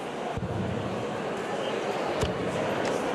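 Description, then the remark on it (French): A dart drops onto the floor during a professional darts match between James Wade and Ryan Searle, giving two short, dull thuds about two seconds apart, over a steady background hum of crowd murmur. “Eh ouais, encore une flèche par terre.”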